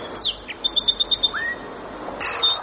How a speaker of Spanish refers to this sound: Barbudo gorgiazul.